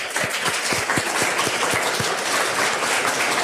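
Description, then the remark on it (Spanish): A crowd applauds the mayor steadily with a dense wash of clapping throughout, at a Sentir Asturias gathering for the elderly people of Rioja; for the first couple of seconds some claps fall into a quick, even rhythm before blending back into the general applause. “Un aplauso al alcalde también.”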